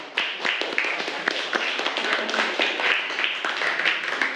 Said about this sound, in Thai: ปรบมือให้กับเพื่อนคนแรกของเราค่ะ